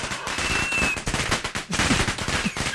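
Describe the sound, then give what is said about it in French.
A fireworks sound effect, triggered by a button on a radio studio's digital control desk: dense, rapid crackling bangs fill the whole stretch, with a thin whistling streak early on and a brief pause before the popping resumes, loud and without any voices. “Alors non, là t'as appuyé sur le bouton feu d'artifice.”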